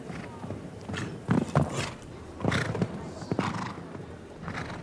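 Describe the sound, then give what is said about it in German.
Horse hooves thud and clatter in uneven bursts over about five seconds as a show-jumping horse takes off at two vertical fences, with occasional snorting or whinnying noises and a steady background hum. “Hier mag das Pferd aus der Perspektive ein bisschen schwieriger zu analysieren, etwas zu dicht im Absprung an den beiden Steilsprüngen gewesen zu sein.”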